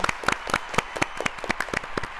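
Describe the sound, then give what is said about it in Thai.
Applause from a small group for two contestants who both answered correctly: a dense patter of overlapping claps with a few sharper individual hand claps standing out, steady and moderately loud for about two seconds, with no talking. “ตอบถูกทั้งคู่ค่ะขอเสียงปรบมือด้วยค่ะ”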